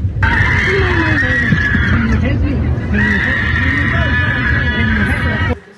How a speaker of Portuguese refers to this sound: Em novas imagens que você vê na tela, gravadas por uma passageira, é possível ouvir gritos de pânico a bordo do avião. Olha só.